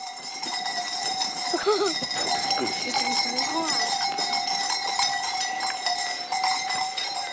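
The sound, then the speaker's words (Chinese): A herd of Dongshan goats, a mountain-climbing breed raised on a mountainside farm, with bells clanking steadily and densely throughout, and a brief bleat-like cry rising over the ringing early on. “以养殖家禽和种玉米为主，其中养的最多的当属喜欢攀高山的山羊。”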